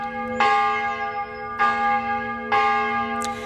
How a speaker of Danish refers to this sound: Hvis man i gamle dage vågnede op midt om natten ved, at kirkeklokkerne ringede, så var det tid at vælte ud af sengen og komme afsted, fordi i gamle dage der betød den her ringen om natten ofte, at der var far på færde.